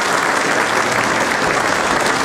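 Steady, dense applause from a sizable crowd, loud and continuous throughout with no voices standing out.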